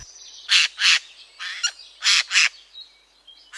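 Harsh, raspy screeches from a Eurasian jay, a crow-family bird common in the forests of the Ardèche, given in pairs: two loud calls, a softer one, then two more, each short and grating, against a quiet background.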